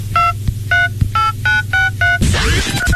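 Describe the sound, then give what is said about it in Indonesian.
Six short, evenly spaced electronic keypad beeps from a mobile phone, clear over a low hum, followed by a burst of noisy rustling and clatter. “Eh, kau ni dari tadi asyik main handphone je.”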